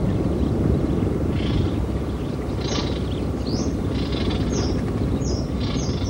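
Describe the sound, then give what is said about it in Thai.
Many newly hatched young birds call from a nesting colony in a melaleuca forest around April, their short, high, repeated chirps and squeals rising over a steady, dense rumbling wash of noise. “ราวเดือนเมษายนฝูงนกนานาชนิดเริ่มเข้ามาทำรังวางไข่และเลี้ยงลูกน้อยที่เพิ่งถือกำเนิดขึ้นมาเสียงร้องของลูกนกปลุกให้ป่าเสม็ดที่เงียบเหงากลับมีชีวิตชีวาขึ้นมาอีกครั้งหนึ่ง”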